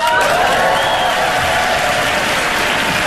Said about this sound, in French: Ouais. Honnêtement, c'était facile. Que les gens applaudissent, c'était facile.